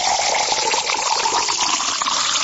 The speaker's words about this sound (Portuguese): Vamos tomar aquela aguinha junto com os aniversariantes. Quando essa água cai no copo, dá uma sede, não dá? Olha só.